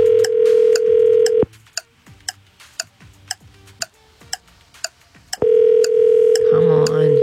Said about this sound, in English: We're calling someone in Calderwood. Yep. Okay. Someone in Calderwood that has registered. We're about to start calling that person's phone. We've got 30 seconds to answer. Here we go.